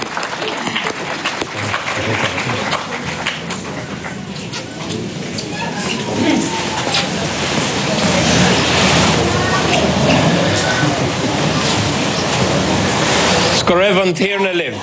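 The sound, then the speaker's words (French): An audience at a Eucharist claps steadily for the choir from Ferns and Drobor in sustained, dense applause that swells slightly halfway through and stays loud, before a voice begins speaking right at the end. “On va les applaudir.”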